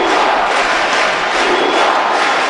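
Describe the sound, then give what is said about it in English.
A huge crowd in a packed baseball stadium roars and cheers continuously as President Barack Obama, the first family and President Raul Castro walk out, a loud, dense wash of voices that swells slightly in waves without any break or single voice standing out. “President Barack Obama with the first family and President Raul Castro walked out to a thunderous roar.”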